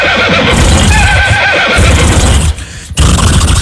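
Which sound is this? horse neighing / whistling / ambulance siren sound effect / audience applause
horse neighing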